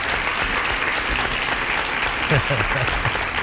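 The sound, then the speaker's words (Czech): Steady applause from many hands fills the whole stretch, a dense, even patter of clapping with a faint murmur of voices underneath, applauding a correct answer to a quiz question. “No, a vy jste naprosto logicky museli správně odpovědět, že to je, a teď to řekněte, svokra, ano, tchýně, jasně, tleskám.”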